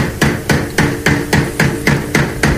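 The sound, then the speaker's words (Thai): A panel beater's hammer strikes car body sheet metal at the Narawit Thurakit Yon garage in a steady rhythm, about two blows per second, each loud, sharp clang ringing briefly before the next. No voices are heard. “ทักทายช่างเคาะกันละกันนะครับที่อู่นราวิทย์ธุรกิจยนต์นะครับ”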